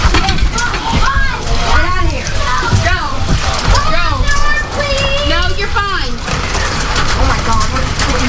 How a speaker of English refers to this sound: Dime-sized hail, too. Wow. Yes. It is dime-sized. I have two pieces of dime-sized in my hand.